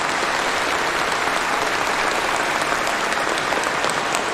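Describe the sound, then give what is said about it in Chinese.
A large audience at the Touching China (感动中国) awards stage applauds steadily to cheer on two honorees, a dense wash of many hands clapping at once, loud and sustained throughout with no voices standing out. “接下来你会听到现场会有这么多的人用掌声在为他们俩加油。”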